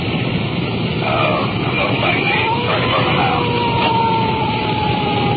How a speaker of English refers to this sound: that siren hits such a high peak it's almost impossible to talk